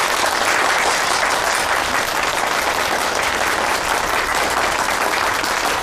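Warm applause at a meeting, welcoming home a woman from the village who now works at the provincial forestry department, a dense, steady wash of many hands clapping at an even loudness for about six seconds, with no voices audible.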